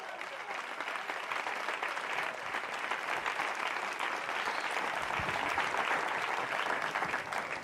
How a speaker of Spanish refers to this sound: Denle un fuerte aplauso al Señor en esta hora.